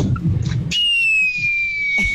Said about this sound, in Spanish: A los cohetes para el cumpleañero, gallita. Eso, gracias por los cohetes.